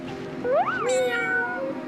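A kitten meows in a high, rising-then-falling cry, followed by a second drawn-out, wavering meow, heard up close and clearly with no talking.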